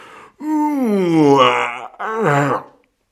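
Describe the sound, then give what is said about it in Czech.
A loud, drawn-out yawn from a giant sailor at dawn, its pitch rising and then sliding down, followed after a brief pause by a shorter falling groan as he gets up and stretches. “Zívl obr, vstal a protáhl se.”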